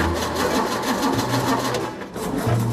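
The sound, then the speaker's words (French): An engine cranks over and over without catching, a loud, steady, rhythmic mechanical churning with a low droning hum, lasting a few seconds with no voices. “Pas vraiment un démarrage au quart de tour, ça. Non, ça va pas le faire.”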